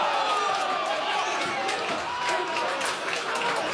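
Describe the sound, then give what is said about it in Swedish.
At Strandvallen in Blekinge, Slovak away supporters of Slovan Bratislava erupt in sustained cheering after the 1-1 equaliser against Mjällby in the 78th minute of a Champions League qualifier, a dense, steady roar with scattered claps and shouts, loud and continuous throughout, voices blended into the noise. “Borta jubel, ett slovakiskt sådant på Strandvallen i Blekinge.”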